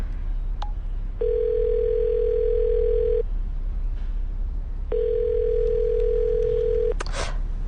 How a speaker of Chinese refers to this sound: 奇怪，这夫妻俩怎么都不接电话呀？